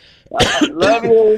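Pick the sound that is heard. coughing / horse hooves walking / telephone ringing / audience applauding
coughing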